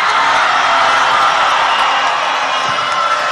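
A large crowd at a political rally in Colombia for a presidential candidate shouts and cheers continuously, a dense, loud roar of many voices with scattered whoops rising above it, sustained without pause throughout.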